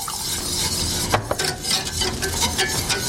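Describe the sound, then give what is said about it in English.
About 3 tablespoons of lemon juice is poured into a pot, giving a steady bright hiss and sizzle, with a couple of quick clinks of utensil on metal partway through. No one speaks. “So we're going to put the lemon juice in.”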